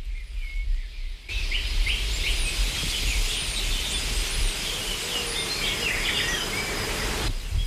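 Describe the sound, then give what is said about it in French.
A dense outdoor soundscape of steady insect buzzing with scattered bird chirps and tweets overhead, a low rumble beneath, fading in after a quiet start and continuing unbroken. “Un bourdonnement après l'autre, ce qui était silencieusement tapi dans un tissu de bruit, devient une délicieuse ritournelle, quelque chose qui fait mouvoir les hésitants, simplement, car cela fait sens de participer à cet écosystème vibrant.”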